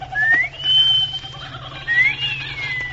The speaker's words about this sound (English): Give her that wolf whistle